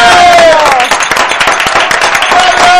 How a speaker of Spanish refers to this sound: ¡Un aplauso!